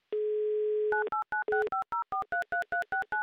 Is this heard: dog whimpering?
no